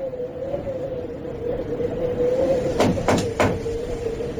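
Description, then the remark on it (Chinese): Three quick, evenly spaced knocks on the door of the hotel room where Chen Duxiu was staying, over a steady low hum. No one speaks. “两个时辰之后，陈独秀居住的旅馆房门果然响起了敲门声。”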